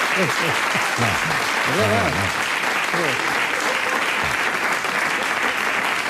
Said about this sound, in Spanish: Y ustedes no deberían aplaudir algo así.